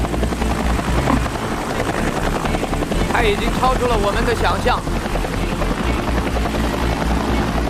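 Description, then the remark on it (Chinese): A loud helicopter hovers with a steady, throbbing rotor roar that holds throughout, while a man talks over the continuous engine noise; the helicopter is being manoeuvred with a bottle opener to open beer bottles, moving on to the next beer bottle. “他把直升机移到了下一个啤酒瓶的地方。”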